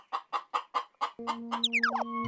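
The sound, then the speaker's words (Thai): A thin hen clucks in a quick, evenly spaced run of short clucks, then a steady low hum starts and a few sliding, squawky calls follow. “โอ้นั่นมีแม่ไก่ด้วย เอ๊แล้วทำไมไม่มีไข่ทองคำเหมือนในหนังสือเลยล่ะดูสิแม่ไก่ผอมจังสงสัยจะหิวไม่มีแรงออกไข่”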